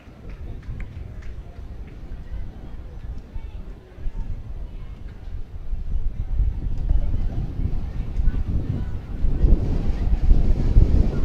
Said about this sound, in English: Wind is definitely picking up. You can probably hear in our crowd, Mike.